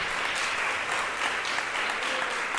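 A crowd claps steadily for the King of Kings and Lord of Lords, a dense even patter of many hands that holds at a constant loud level from start to finish with no voices on top.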